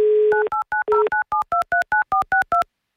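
A listener's phone number is dialed on a touch-tone keypad during the live Avtoradio game "Mnogo deneg": a brief dial tone, then a quick, steady run of about a dozen crisp dual-pitched beeps, loud, with no voices.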